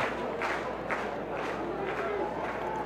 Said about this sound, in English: Crowd on their feet. Good claps here tonight.